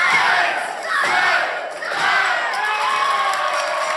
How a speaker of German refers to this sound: Eins, zwei, drei, zählt die Menge. Und damit ist der Kampf beendet.